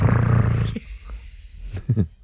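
A loud, rough, low rasping snore fills the first moment, followed by quieter breathy noise, a brief hiss and a shorter grunting snort near the end.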